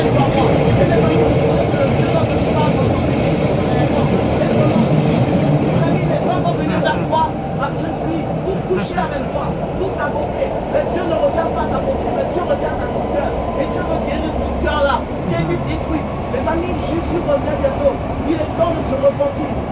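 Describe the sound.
Inside a moving metro carriage: a steady, loud rumble with rattling and sharp clicks from the wheels, and faint indistinct voices murmuring beneath the din.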